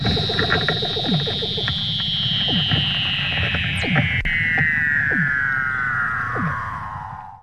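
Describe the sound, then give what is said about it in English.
A Weddell seal mother and pup calling to each other in Antarctica as the mother teaches the pup to swim, with a long, eerie electronic-sounding whistle gliding slowly downward in pitch over short descending chirps and a steady low pulsing underneath. “And you can hear the mother and her pup calling to each other.”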